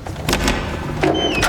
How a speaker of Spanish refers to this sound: Así que abres la puerta.